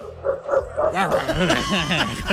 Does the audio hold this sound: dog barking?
yes